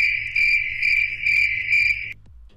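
Crickets chirp in a steady, continuous high-pitched trill, pulsing slightly in loudness, with a low rumble underneath; the chirping stops abruptly near the end. Heard live on La Mejor FM 100.1 radio.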